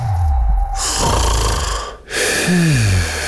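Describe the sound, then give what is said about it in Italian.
Loud snoring from a sleeping person: two long, rasping breaths with a brief pause between them, the second ending in a low rattling drone. No one speaks. “Sveglia, dormiglioni!”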